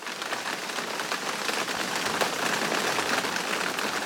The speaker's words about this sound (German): Genau, es regnet mal wieder.